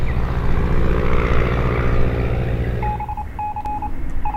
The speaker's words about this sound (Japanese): 鬼子的飞机来了，看来终于等不及了。